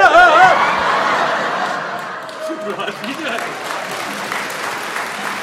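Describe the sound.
A crowd applauds steadily with scattered laughter and chuckles mixed in, the clapping dense and fairly loud throughout, while voices murmur underneath.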